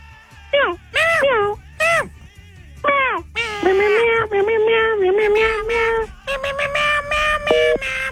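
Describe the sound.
A man's voice imitates a cat, mimicking an office coworker who talks like a cat, giving several short, sliding meows followed by a long, drawn-out, wavering yowl that bends up and down in pitch.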